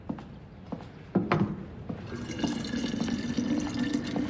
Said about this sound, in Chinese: 烧水呢？